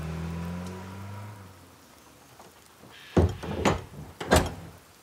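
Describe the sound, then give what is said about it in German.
A low droning hum fades away, then a door whose hinge has a safety catch is pushed shut with a solid thud, followed by two more sharp clunks as the handle is tried, with no talking. “Mach mal zu.”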